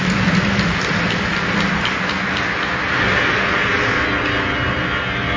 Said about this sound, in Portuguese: Vamos nos acolher com a bonita salva de palmas. Bem-vindos, bem-vindas à casa de Nossa Senhora.